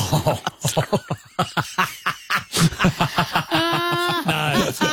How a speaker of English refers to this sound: It's when you eat ice cream and you get a bit glugged and it's, you're like coughing. Worst feeling.